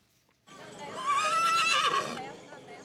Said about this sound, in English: And before we go, dozens of colorfully clad horses paraded past rice paddies in northern Japan. The traditional festival marks the start of early summer.